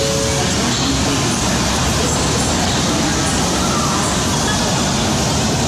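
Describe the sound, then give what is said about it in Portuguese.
A steady, loud wash of rail noise at Union Station in Washington, D.C., a busy train station, with rumbling trains, metallic rolling and a faint murmur of people blending into a continuous station din. “E depois de três proveitosos dias, nós arrumamos as malas e partimos para Union Station, a segunda estação de trem mais movimentada da América.”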